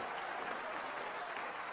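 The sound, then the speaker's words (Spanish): An audience of the Iglesia de Dios Pentecostal in Jucuapa, broadcast on Alfa y Omega 106.1 FM, applauds the risen Christ in a dense, steady wash of clapping that holds at an even level throughout, with no distinct individual claps or voices standing out. “Dale ese aplauso al resucitado.”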